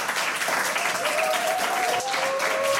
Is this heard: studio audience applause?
yes